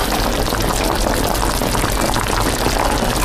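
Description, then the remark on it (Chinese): Chicken broth, made by frying raw chicken dry to release its fat, bubbles at a steady, vigorous boil as wild green-cap (qingtou) mushrooms are added first, a dense continuous seething and popping that holds even for a few seconds, with no voices. “先放这个青头。”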